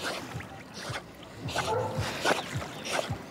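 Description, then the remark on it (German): A dog swims in a lake, paddling with a steady series of soft splashes every second or so, with a brief faint whine partway through. “kann man auch, richtig schön mit der schwimmen, entspannt am See.”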